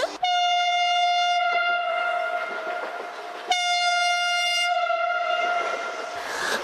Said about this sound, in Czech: Zastávka Zpívanovice. Všechny zpěvačky ve vlaku, ať se připraví. Jsem připravená. A protože tenhle vlak přijel,